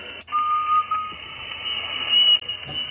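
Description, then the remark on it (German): Amateur radio interference during a radio club's Sunday-morning broadcast: a steady high whine runs throughout over a noisy hiss, with brief whistling tones sliding in and short crackles and clicks breaking through. No one speaks. “Störungen en masse. So klingt es dann, wenn's...”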